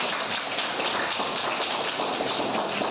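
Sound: children clapping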